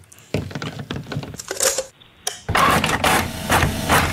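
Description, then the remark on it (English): A dot matrix printer chatters loudly, its rapid mechanical buzzing broken by short pauses and clunks, then running continuously through the final stretch. “It's a printer. I think it's a Dot Matrix printer as well.”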